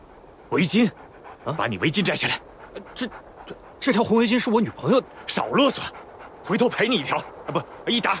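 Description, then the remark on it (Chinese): An injured three-legged wolf whimpers in a series of high, wavering whines, broken by short breathy pants, repeating in uneven bursts over several seconds, as its wound is about to be disinfected with liquor. “三腿狼啊，你忍着点啊，不处理一下。”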